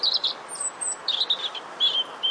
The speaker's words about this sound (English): Take a listen to this robin.